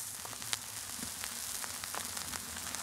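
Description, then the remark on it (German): Fish fillets sizzle in hot oil on a hot cooking plate, a steady bright hiss peppered with sharp crackles and pops, fairly quiet and continuous, with no talking. “Dann kann man die Fischfilets da schön ins Öl rein. Hörst du, wie heiß die Platte ist?”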